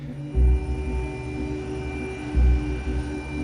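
A helicopter drones steadily with a deep, throbbing rotor hum and engine whine, swelling louder in two brief low surges, heard close up as if from inside the cabin, with no one speaking.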